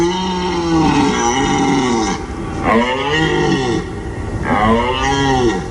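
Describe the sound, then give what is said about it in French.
A red deer stag bellows three times in a row during the rut, announcing the mating season, each call a long, deep, throaty roar lasting about two seconds, loud, with brief pauses between and no talking. “Et oui, ce cri si particulier qui annonce la saison des amours chez les cerfs.”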